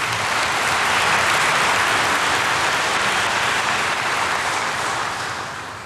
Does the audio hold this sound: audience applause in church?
yes